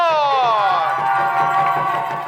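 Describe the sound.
Loud, steady crowd applause and cheering fills the whole stretch. It opens with a bright tone sliding downward, then continues as a dense wash of clapping and voices.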